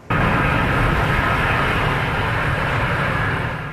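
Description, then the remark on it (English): A loud, steady roar of a Qantas airliner landing in Toulouse, France, after a 24-hour-24-minute test flight from Melbourne, Australia: a broad rumbling engine and wind noise on the runway that holds constant for a few seconds before easing slightly, with no voices. “This is the moment the Qantas plane landed.”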